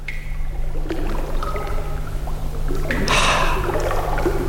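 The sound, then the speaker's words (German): Water drips in a dark, cool cave grotto, with echoing, scattered plinks of varying pitch, a short splashing burst partway through, and a steady low hum underneath. “Es tropft, es ist dunkel und eben auch schön kühl.”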